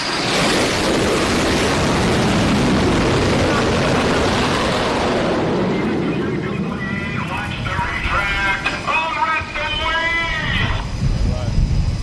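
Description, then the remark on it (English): An F-18 fighter jet with a tail hook comes in to land on an aircraft carrier deck near the Strait of Hormuz, with a loud, rushing roar that cuts off sharply, leaving a wavering high whine and background rumble. “there's an F-18 that's getting ready to land. It has a hook on its tail”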